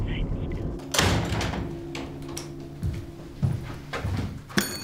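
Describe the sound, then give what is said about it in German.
A door swings shut with a solid thud near the start as a man leaves through it, followed by shuffling, murmuring voices and another sharp knock or latch click toward the end. “Herr Carstensen ist leider gerade zur Tür raus.”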